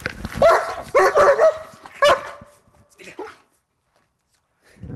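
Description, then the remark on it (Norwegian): Two German shepherd dogs bark and yip in quick, energetic bursts while playing with their owner in the morning, over the first couple of seconds, with a few whimpering tones mixed in, then fall quieter before a faint rustle at the end. “Jeg står her nå sammen med hundene Pablo og Tyr, to fine sjefere”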